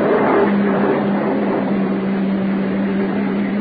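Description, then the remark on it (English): A uniformed police car's engine rumbles, a steady low drone with a faint hum as the car pulls up and idles, with no voices over it. “Uniform car pulling up.”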